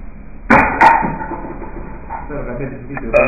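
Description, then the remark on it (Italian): A single loud, throaty burp after drinking Coca-Cola erupts abruptly and rumbles for about a second before trailing off into quieter breathy noise and faint rustling. “E questo ruttino per introdurvi la stramaledetta intervista che io adesso vi manderò.”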